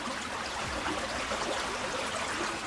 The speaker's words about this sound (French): Plus loin, il arrive à un ruisseau.